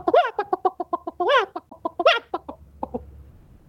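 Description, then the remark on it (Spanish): A chicken clucks rapidly and repeatedly, with a few louder, drawn-out squawks mixed in, fairly loud, before the calls thin out near the end. “Ánimo, pues, aquí, la gallina loca.”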